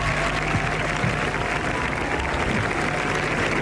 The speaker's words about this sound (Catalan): Així que m'agradaria fer un aplaudiment col·lectiu per tota la gent que està involucrada en aquesta feina i en tots aquests títols. Gràcies.